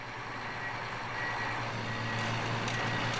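A snowcat of the Snow Cat Paganella team grooms the ski slopes after the last skiers have come down, rumbling steadily with a low engine drone while a high warning beep sounds over it, the machine noise growing slightly louder toward the end.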